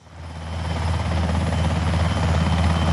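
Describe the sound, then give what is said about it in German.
A helicopter lands on a meadow in front of a clinic during a joint civilian clinic and military exercise. Its rotor thumps steadily and loudly and whirls up grass and dust, the rumbling drone swelling in the first second and then holding strong, with no voices over it. “Ein Hubschrauber setzt zur Landung an.”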